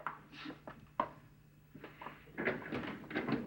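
A door is opened: a sharp latch click followed by shuffling, creaking handling noises and a few soft knocks, with no one speaking.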